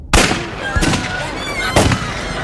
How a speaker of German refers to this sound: Kaum war ich auf dem Weg zur Apotheke, als ich es knallen hörte. So ähnlich wie bei dem Feuerwerk, das die Kinder zu Weihnachten abbrannten.